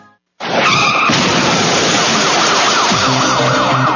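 A loud screech of car tires skidding before a crash bursts in after a brief silence and continues harshly, with a wailing siren-like sweep rising underneath toward the end. No one speaks.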